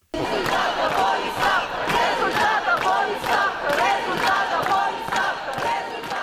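A large crowd of protesters shouts together in loud, rhythmic bursts, a dense roar of many voices rising and falling about twice a second throughout.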